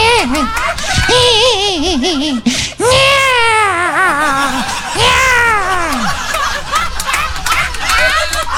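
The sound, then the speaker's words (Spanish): A baby cries loudly in long wavering wails that rise and fall in pitch, with only a brief catch of breath before the crying resumes. “la guagua está llora y llora, vente, apura”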